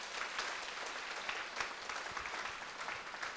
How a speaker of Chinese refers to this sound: 谢谢，谢谢我们卢顾问的经验分享，我们再给我们卢顾问一个掌声。